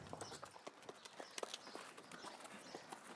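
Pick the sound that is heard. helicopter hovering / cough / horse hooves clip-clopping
horse hooves clip-clopping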